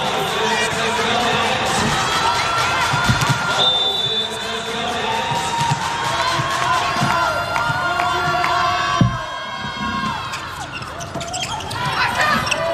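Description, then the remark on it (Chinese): A large arena crowd at a volleyball match involving the Iran team fills the air with a steady roar, punctuated by rhythmic, unison clapping and scattered cheers that swell and ebb throughout. “一起拍手”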